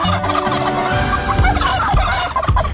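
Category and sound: bird, turkey gobbling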